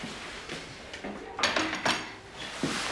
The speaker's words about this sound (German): Ich komme nur das Geschirr abräumen.